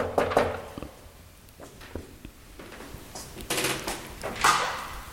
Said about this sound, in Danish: Og jeg prøver lige at se, om jeg kan finde døren her, hvor jeg skal mødes. Ja, den er her. Jeg banker på.